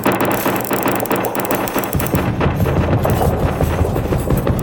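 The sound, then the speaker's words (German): A steady, loud rattling and crackling of things shaking and clattering in a strong earthquake, with a deep rumble that swells after about two seconds and keeps going to the end. No voices. “fing alles plötzlich wieder an zu wackeln. Das Beben war stark und alles verschwand.”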